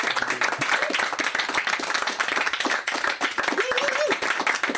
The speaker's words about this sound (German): Vielen, vielen Dank an unser Studiopublikum. Toll, dass Sie da waren. Ein Applaus fürs Publikum.